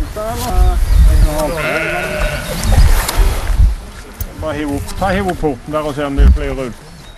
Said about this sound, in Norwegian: Så har vi kommet frem til gården som Henrik Lund hadde, og der var det sauer, og de var kommet på gal siden av gjerdet tydeligvis.